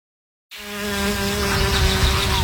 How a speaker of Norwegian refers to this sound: Sommer for meg er å la humla suse og livet bruse.